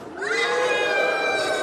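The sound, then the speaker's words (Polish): Children's voices imitate a big elephant's trumpeting with a single loud, sustained blare that rises quickly in pitch and then holds steady for over a second. “Wielkiego słonia.”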